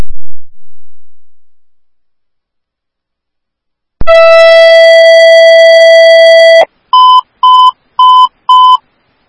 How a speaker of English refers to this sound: Oakdale, and I have the zero tones for the unknown medical situation at 1025 Hadley Avenue